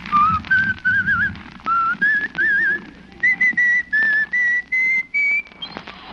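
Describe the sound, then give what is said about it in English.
A man whistles a cheerful, bouncy tune as he walks down an icy street, clear, in a series of short phrases with brief pauses and little trills, with a faint low rumble beneath and no talking. “Let's follow him now as he walks blithely down the icy street, whistling a merry tune.”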